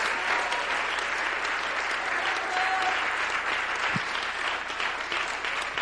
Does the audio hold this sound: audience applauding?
yes